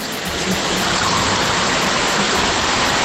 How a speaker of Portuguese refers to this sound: Tá com barulho de chuva ainda, né? Bastante. É, será que diminuiu?